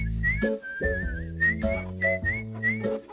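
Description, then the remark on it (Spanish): A bright, melodic whistled tune with gliding pitch bends, played over a steady low instrumental backing. The whistling is clear and close, running continuously through the short passage. “Era el sonido del silbido. Todos estaban silbando por una razón u otra.”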